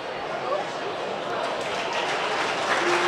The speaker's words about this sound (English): And they do get a round of applause here.